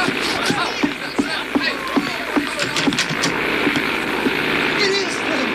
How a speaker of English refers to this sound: A plane. You know, one of them there contraptions that fly in the air.